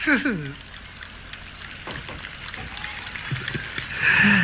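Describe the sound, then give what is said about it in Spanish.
Audience applause, a steady crackling patter of many hands clapping at moderate loudness, with a voice speaking over it at the start and again at the end. “Que aplauda la gente, alégrense, diviértanse.”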